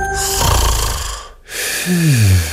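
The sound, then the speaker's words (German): Loud snoring: a long, rattling low snore, a brief pause, then a second snore that ends in a descending, whistling groan. No one speaks. “Schlafmützen aufgewacht!”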